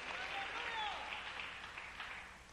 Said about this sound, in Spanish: Dele un aplauso al que vive con todo su corazón.